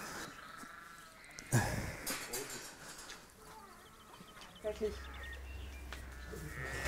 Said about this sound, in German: Das ist ein Schaf.